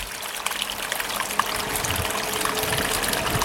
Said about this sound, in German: Radio Romori, der geheimste Wasserfall von Winterthur.